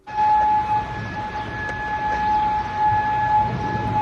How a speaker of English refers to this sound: Well, earlier sirens sounded over Kuwait City. Kuwaiti officials said its air defences were intercepting an incoming barrage of Iranian drones and missiles.